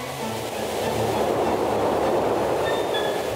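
A train rolls past with a steady, loud roar and low rumble, a faint high metallic whine rising near the end. No one speaks over it.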